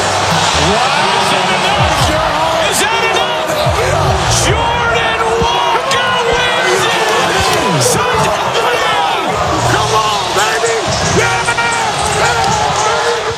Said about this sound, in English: And listen to the crowd not cheer. So good. That was courtesy of Netflix last night.